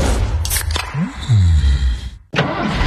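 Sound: car engine starting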